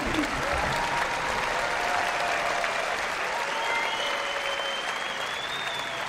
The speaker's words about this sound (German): Der Zauberlehrling von Paul Dukas war das, hier beim Classic Open Air in Nürnberg. Und ich bitte Sie nochmal um einen großen Applaus. Das ist unser Orchester des Abends, die Nürnberger Symphoniker.